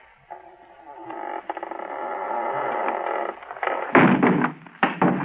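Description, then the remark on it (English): A door is shoved open into an unlit room: a scraping, rattling push builds over a few seconds, then two loud thuds as it bangs open, with no voices. “Now listen, I'm going to shove the door open, shine my light in.”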